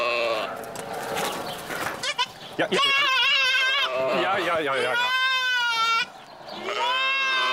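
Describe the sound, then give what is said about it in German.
A young goat kid bleats loudly and repeatedly, calling for its mother, its wavering, quavering cries stretching out in long calls with brief pauses between them. “Das Kleine ruft nach seiner Mutter.”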